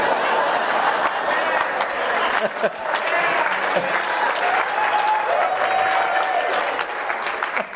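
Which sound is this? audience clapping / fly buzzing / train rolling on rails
audience clapping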